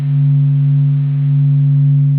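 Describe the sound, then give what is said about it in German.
A steady, unbroken low hum of the Sun's oscillations, recorded by telescopes and made audible, made of a few pure stacked tones, droning evenly at constant pitch for about two seconds with a slight swell in loudness, no voices. “Diese Veränderungen können Teleskope am Boden oder an Bord von Raumsonden aufzeichnen und sie können das Summen der Sonnenaktivität hinterher sogar wieder hörbar machen.”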